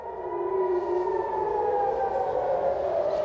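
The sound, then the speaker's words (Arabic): A loud, sustained air-raid warning siren, sounding after missiles were launched from Iran, wails steadily, its tone holding high with a slow, slight downward drift and layered overtones, with no voices over it. “نعم، صفرات الإنذار تشمل عشرات البلدات وبينها المدن المركزية وكل المنطقة الممتدة من القدس إلى تل أبيب الكبرى ومنها شمالا حتى مناطق الجليل الأعلى بعد رصد صواريخ أطلقت من إيران على هذه المناطق.”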